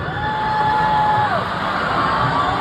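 A large concert audience booing and jeering the performer in a loud, steady roar of many voices, with one long, drawn-out higher tone sliding over the noise before fading.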